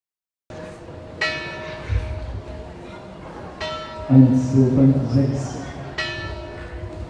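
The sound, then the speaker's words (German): Church bells of the St. Jakobi church in Hettstedt, Germany, ring with strong, resonant strikes roughly every two and a half seconds, each leaving a long humming tone, while a voice briefly murmurs underneath midway through. “Seit 10 Jahren bemüht sich die St. Jakobi-Gemeinde Hettstedt um die Vervollständigung von Glockenspiel und Elektrifizierung von Glockenstuhl.”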